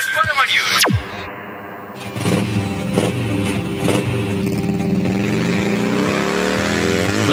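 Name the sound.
motorbike engine revving past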